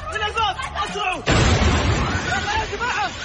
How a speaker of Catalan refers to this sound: Hi ha hagut aquesta fortíssima explosió que ha afectat el vestíbul de l'aeroport.